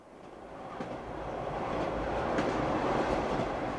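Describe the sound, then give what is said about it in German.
A train rolls steadily along the rails, a continuous rumbling roar with faint rhythmic clatter that swells slightly louder as it goes, with no voices. The train is travelling through La Mancha in Spain, a wide plain with many windmills. “Der Zug fährt durch die La Mancha, eine weite Ebene mit vielen Windmühlen.”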